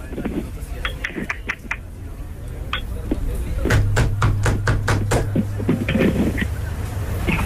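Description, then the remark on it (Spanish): Knocking on a door: scattered sharp raps at first, then a quicker run of louder, hard knocks, with a steady low hum starting partway through. “¿Quién toca la puerta?”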